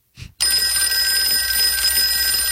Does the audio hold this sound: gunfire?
no